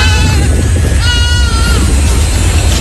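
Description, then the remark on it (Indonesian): Dozens of goats roaming and foraging on garbage heaps in Kalibaru, Cilincing, North Jakarta, bleat in a wavering, harmonic cry, with one prominent call swelling in the middle, set against a steady low rumble of outdoor background noise. “Petugas Suku Dinas Ketahanan Pangan, Kelautan, Pertanian, KPKP menyoroti puluhan kambing yang berkeliaran dan mencari makan di tumpukan sampah di kawasan Kalibaru, Cilincing, Jakarta Utara.”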